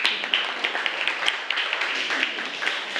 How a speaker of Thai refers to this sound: ราชสีมาถูกต้องค่ะปรบมือให้กับเพื่อนด้วยค่ะ